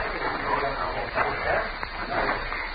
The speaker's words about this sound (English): A dog was moving around, whimpering.